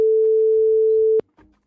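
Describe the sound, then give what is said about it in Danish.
A telephone ringing tone, heard as a radio host calls a listener on Danish radio's P4 Weekend København, sounds once, a steady, loud, pure hum lasting just over a second, then cuts off sharply, followed by a brief faint rustle. “Hvis den bliver taget, så er det altså en P4-kop, der er på højkant.”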